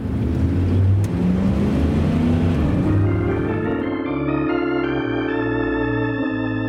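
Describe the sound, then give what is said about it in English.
A car engine roars, rushing noise giving way to a steady, humming motor tone as a stolen car pulls off and drives away. No one speaks. “The man in our story was 32 years old when he stole that car.”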